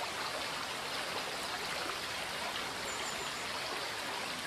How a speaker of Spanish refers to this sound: El Arazas se descuelga aquí en una serie de escalones que ofrecen el soberbio espectáculo de sus ruidosas aguas modelando la roca calcárea que le sirve de cauce.